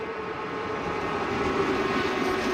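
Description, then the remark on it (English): A steady, loud rumble of a passenger train rolling along the tracks to Mykolaiv, Ukraine, with a continuous low roar and faint rattling, with no voices. “When the air raid is over, they board the train again and arrive safely at Mykolaiv for the opening of a solar power plant.”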